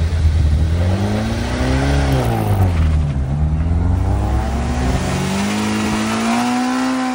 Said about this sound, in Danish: Og hvis du kan lide de lyde, du hører her, så er der godt nyt, fordi det er gamle klassiske biler, der gasser op og fræser op af Munkebjergbakken ved Vejle.